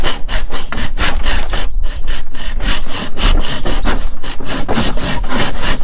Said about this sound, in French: Okay, voilà, je te laisse scier.